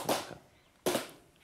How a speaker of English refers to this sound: Clapping is intrinsic to the sevu sevu ceremony. One clap informs my host that I am honored to have a swig.